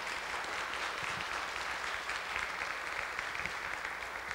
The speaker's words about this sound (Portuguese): Vamos acolher o Hamilton, pode vir à frente, com uma salva de palmas, né? Que bom!